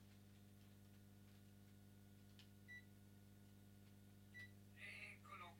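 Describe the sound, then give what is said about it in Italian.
An air conditioner switching on: a steady low electrical hum runs throughout, broken by faint ticks, two short high beeps, and a brief whirring burst near the end. “Oh, finalmente si è acceso il condizionatore, perché ormai qui comincia a far caldo.”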